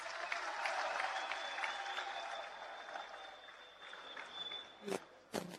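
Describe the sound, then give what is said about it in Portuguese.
An audience applauds the Uxene group's performance steadily, a dense wash of clapping that fades a little, then two sharp louder claps or thumps stand out near the end. “Uma salva de palmas.”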